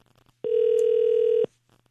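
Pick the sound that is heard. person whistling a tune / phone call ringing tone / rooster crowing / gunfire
phone call ringing tone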